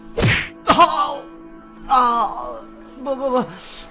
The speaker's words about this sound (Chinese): 壮汉又沉重的一拳落下。